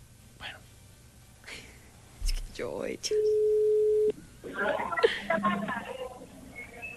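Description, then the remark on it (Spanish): A phone line's ringing tone on an outgoing call: a single steady, low-pitched hum lasting about a second, fairly loud, with people talking and chattering before and after it. “Bueno, silencio. Está sonando.”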